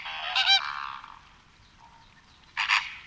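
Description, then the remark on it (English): A flamingo flock honking loudly, with two strong bursts of nasal calls at the start and end over a steady background of overlapping flock chatter. No one speaks. “But I heard them making noises a lot, and it's crazy how loud they can be.”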